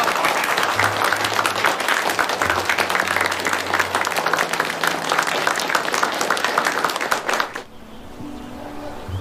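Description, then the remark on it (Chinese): A crowd of people applauding the two gentlemen loudly and steadily for about seven and a half seconds, dense overlapping claps, before it cuts off abruptly into quiet with a low hum. “两位先生讲的都对，咱们给两位先生都鼓鼓掌，来。”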